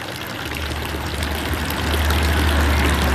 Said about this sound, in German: Und der Dorfbrunnen plätschert friedlich vor sich hin.